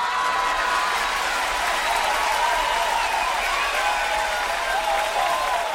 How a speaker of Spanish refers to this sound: Y un tío así se merece un aplauso.